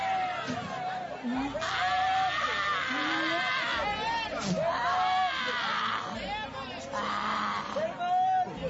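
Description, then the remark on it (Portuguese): A crowd of worshippers shouts and screams at once, crying out for Jesus to burn the devil, in a loud, chaotic roar, overlapping wails and yells rising and falling continuously for several seconds. “Grita para Jesus queimar ele. Vai gritando para Jesus queimar.”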